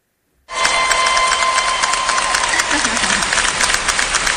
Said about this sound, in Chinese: 大家有听到了吗？好，这叫提前的欢呼声。